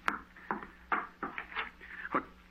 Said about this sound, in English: No one here. You heard the knocking on the door, but you see there's no one here.